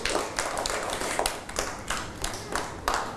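A small group claps for about three seconds, a fairly loud, uneven patter of hand claps with sharper bursts every half second or so. No voices are heard.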